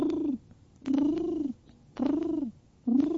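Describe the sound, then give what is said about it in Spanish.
A person imitates a pigeon's coo with four throaty, rolling hums in a steady rhythm, each swelling and then dipping, fairly loud, with brief pauses between them. “No, así hacen las palomas. Hacen...”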